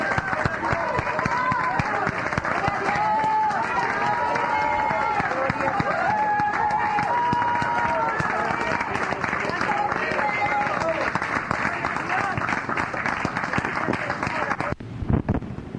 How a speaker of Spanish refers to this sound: ¡Fuerte aplauso al Señor, hermanos! ¡Gloria a Dios! ¡Fuerte el aplauso a nuestro Rey! ¡Gloria a Dios!